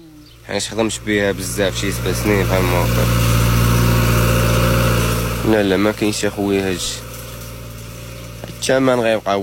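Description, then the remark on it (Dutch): A tractor engine idles with a steady, low chugging rumble, loudest in the middle, while a man talks over it in short bursts at the start and end. The tractor is on a farm near the village of Tiveld in Morocco and is also rented out to other farmers. “Hij heeft onlangs een tractor gekocht die hij ook te huur aanbiedt aan andere boeren.”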